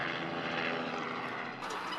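A helicopter flies through a gorge at Victoria Falls, its dense, rushing engine and rotor noise roaring steadily and filling the whole two seconds with no voices, briefly dipping before surging again.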